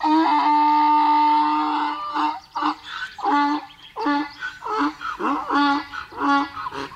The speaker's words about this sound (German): Wenn der Esel bedroht wird und in Lebensgefahr ist, dann kann man das hören. Der Esel schreit dann laut, erschreckt damit den Feind und warnt dazu die anderen Esel.